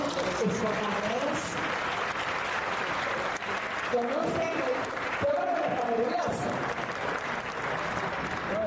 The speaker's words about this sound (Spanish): que con un fuerte aplauso lo recibe.